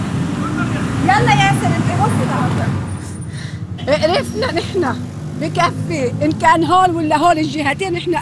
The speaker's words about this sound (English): This is one of the main highways leading from the south, and it's just choked with vehicles. Cars, trucks, some people on motorcycles. Every car is either packed with people or packed with people and stuffed to the roof with bags.